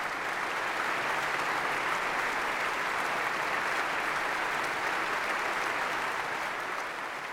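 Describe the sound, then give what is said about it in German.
A large concert audience in the large hall of the Berlin Philharmonie applauds steadily after an orchestral encore at a music festival, a dense, sustained wash of clapping at even loudness throughout, with no voices standing out. “Auch ja, nach dieser Zugabe war das Publikum im großen Saal der Philharmonie Berlin noch nicht gänzlich zufrieden.”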